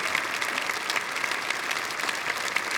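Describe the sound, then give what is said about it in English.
Steady audience applause for a musician fills the space, dense overlapping clapping from a sizable crowd, sustained and fairly loud throughout with no pauses. “Let's give him another clap.”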